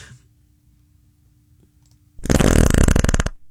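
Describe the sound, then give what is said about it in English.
A loud, buzzy fart sound effect blasts for about a second after near silence, its rapid fluttering pulses giving a wet, raspy rattle before it cuts off abruptly. “It literally, matter of fact, we have fart sound effects.”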